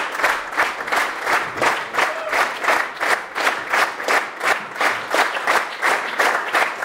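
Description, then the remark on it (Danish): A large standing audience in a full hall applauds loudly as the two musicians of a duo come back onto the stage, the clapping falling into a steady rhythmic beat in unison, with no voices over it. “Og her er de kommet op på scenen igen og tager imod applaus fra det stående publikum.”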